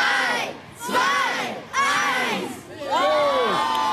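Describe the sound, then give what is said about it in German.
Schoolchildren in the yard of the Ratsgymnasium cheer and shout at a weather balloon launch in three loud, rising bursts, with high-pitched whoops and yells overlapping and brief dips between each wave. “Heute Vormittag klang das auf dem Hof vom Ratsgymnasium so.”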